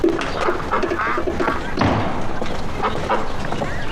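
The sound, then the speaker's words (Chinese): Two pet ducks, Da Ya and Er Ya, kept in a pen, quack repeatedly in short, nasal bursts, with a soft thud or two as they are fed. A voice can be heard faintly in the background. “二鸭， 哎呀呀呀呀，哎，这是喂鸭子呢。”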